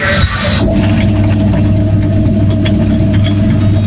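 An electric mixer whirs steadily with a loud, constant motor hum and a faint rattle, opening with a brief burst of hissy noise before settling into its even drone.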